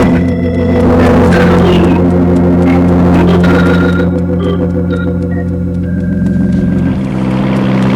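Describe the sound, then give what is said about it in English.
A car engine drones steadily throughout, a loud, continuous low hum with a rough, rumbling tone, as if heard from inside a moving vehicle. Nobody speaks. “Stop the car.”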